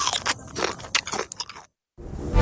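Loud crunching as someone bites into a crisp cracker, a quick run of sharp brittle cracks and chewing, then a brief silence before more crunching starts.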